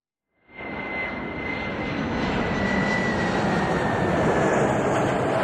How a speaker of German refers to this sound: Es ist der 1. August 2024, spät am Abend. Ein Flugzeug landet in Moskau. Darin sitzen ehemalige Gefangene aus Europa und den USA.